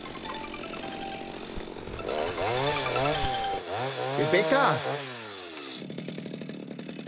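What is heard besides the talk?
chainsaw running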